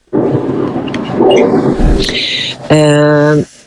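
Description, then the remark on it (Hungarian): A loud airplane passes overhead with a broad, rushing roar that swells and holds, then ends in a steady, buzzing tonal drone before cutting off. “egy pillanat, még egyszer elmondod a kérdést, ne haragudj, mert egy repülőmente, és nem hallottam többet, nem kérdezem vissza.”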